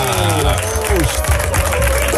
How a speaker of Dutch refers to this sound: wat een luid applaus. Heel veel mensen.